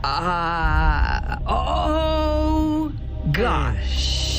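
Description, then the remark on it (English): A voice performs an exaggerated fake sneeze: a long, wavering, groaning build-up of rising and falling vocal tones, then a sudden breathy, hissing burst near the end. “Can I hear your most obnoxious fake sneeze?”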